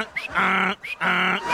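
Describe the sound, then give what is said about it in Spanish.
A person imitates a male donkey's bray, two loud hee-haw cycles, each a short rising squeal followed by a long, buzzy, strongly harmonic honk, with no other talking. “Mira, primero, el burro hombre sería...”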